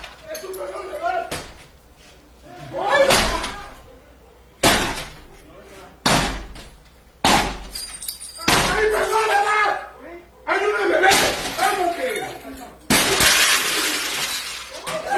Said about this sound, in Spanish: Imágenes, se observa a dos sujetos con capuchas y armas largas tirar la puerta del acceso de la vivienda ubicada en el municipio de Nanchital. Esto es al sur del estado de Veracruz,